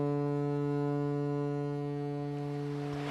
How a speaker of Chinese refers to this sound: 泰康号拉响汽笛，缓缓驶入维多利亚港。